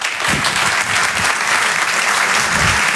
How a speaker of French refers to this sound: Je vous demande de l'encourager et de l'applaudir très fort, s'il vous plaît.